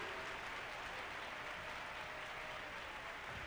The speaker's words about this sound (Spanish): Bien fuerte ese aplauso. Bien fuerte ese aplauso para el Rey.